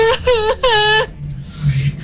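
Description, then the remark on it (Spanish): A voice imitates a woman's desperate, inconsolable wailing: two drawn-out, quavering cries in quick succession, fairly loud, fading into a breathy, sobbing exhale. “y se comenzó a escuchar en la calle, en el frente, como alguien que lloraba, una mujer que lloraba, pero lloraba desconsolada. Era un llanto fuerte y horrible.”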